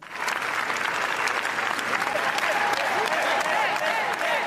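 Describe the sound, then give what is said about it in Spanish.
Sustained, dense applause from a large audience at the Cannes Film Festival, a standing ovation of about 20 minutes for Javier Calvo and Javier Ambrosi's new film La Bola Negra. It is steady and loud throughout with no pauses, a continuous wash of many hands clapping together, with faint cheers mixed in. “Imagínense, por cierto, que nos ponemos a aplaudir y estamos 20 minutos aplaudiendo. Bueno, pues es el tiempo que han estado aplaudiéndoles a los Javis, a Javi Calvo y a Javier Ambrosi en Cannes, en el Festival de Cannes.”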